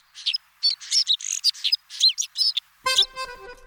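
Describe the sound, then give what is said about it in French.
A white-winged snowfinch gives a rapid run of high, twittering chirps, clear, ending with a harsher, buzzy, more nasal call. “On l'appelle aussi le pinson des neiges, car il vit toute l'année sur des sommets enneigés.”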